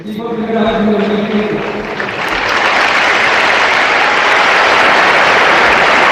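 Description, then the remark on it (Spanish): A voice speaks briefly, then a large crowd of Real Murcia football fans breaks into loud, sustained applause in the stadium, a dense, steady wash of clapping that holds at full strength to the end. “Un aplauso de los aficionados del Real Murcia.”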